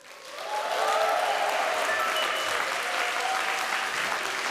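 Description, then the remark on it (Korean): A crowd at the end of a performance breaks into applause to welcome the Chumbit dance troupe and the Sori Soeun children, quickly swelling to a steady, dense clatter of many hands clapping that holds at full strength for several seconds without fading. “끝까지 함께해 주셔서 감사드리며 큰 박수로 춤빛 무용단과 소리 소은 친구들을 맞이해 주세요.”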